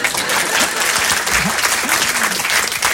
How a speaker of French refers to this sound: Bon, à chaque fois qu'un artiste monte sur scène, il y a toujours cette phrase avec le public, hein. Bonsoir, je suis vraiment content d'être ici ce soir. Et lorsque c'est un bon public, il applaudit.